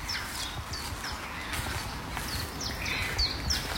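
Steady footsteps of people crunch along a garden path at an unhurried walking pace as they pass under an arch, while birds chirp and tweet intermittently in the background. No one speaks.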